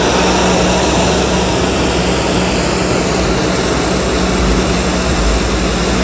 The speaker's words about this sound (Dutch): Het harde geluid dat je hier hoort is van een C-130 Hercules vliegtuig. We staan vlakbij de startbaan van Groningen Airport Eelde. Deze week is het vliegveld het decor van een grote militaire oefening.